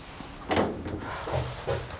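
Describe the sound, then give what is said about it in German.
A locked door is rattled and jostled, a couple of sharp clattering bursts followed by a steadier shaking, moderately loud with no voices. “mach jetzt die Tür auf.”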